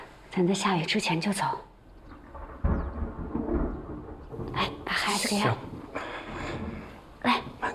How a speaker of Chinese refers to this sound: 俺看外面现在打雷打闪的，恐怕要下雨了。